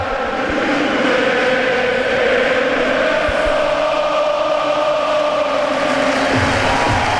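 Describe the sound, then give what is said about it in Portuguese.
Sporting fans at Alvalade stadium chant loudly and continuously at the season's first official match against Vitória, thousands of voices blending into a dense, sustained roar with a sung, droning tone that holds steady throughout. “Primeira explosão de alegria na temporada oficial do Sporting em Alvalade, a bola já rola, ouviu-se a plenos pulmões, o mundo sabe que...”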